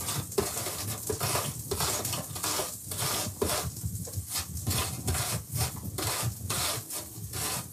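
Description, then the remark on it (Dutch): Steady rhythmic rasping as an apple is rubbed back and forth across a grater, each stroke a broad scratchy burst, fairly loud, with no talking. “En nu de appel. Ook raspen, hè.”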